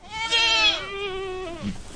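A goat, one of a group grazing in a field of brush just north of Auburn in the Sierra Nevada foothills, California, under the hot afternoon sun, lets out one long, wavering bleat, loud and quavering for over a second before trailing off, with a faint rustle afterward and no talking.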